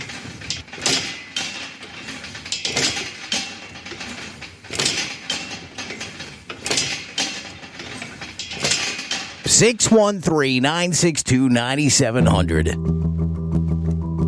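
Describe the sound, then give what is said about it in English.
A leg press machine in use: a run of rhythmic, loud mechanical clanks and sliding scrapes, then a wavering metallic squeal that settles into a steady droning tone at the end. “Is it leg press? That's exactly what it is!”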